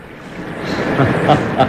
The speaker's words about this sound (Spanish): Y en el calabozo donde Calimán está prisionero, el agua inunda ya los pasillos, los cuartos de máquinas y las bodegas, y Calimán sonríe sereno con el agua a la altura de su cintura.